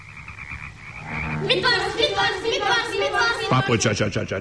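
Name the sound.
frogs croaking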